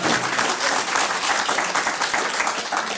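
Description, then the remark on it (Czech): A crowd bursts into sustained applause, a dense steady patter of many hands clapping at once, loud and continuous for the whole stretch with no voices standing out. “Máme vám zatleskat taky.”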